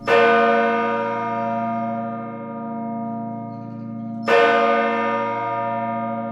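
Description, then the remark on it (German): A large church bell tolls twice, about four seconds apart, each strike loud with a long, humming resonance that lingers between blows. No voices. “Kaum einer weiß, wie der Klangaufbau bei den Glocken ist und kaum einer sieht auch die Glocken in voller Bewegung läuten.”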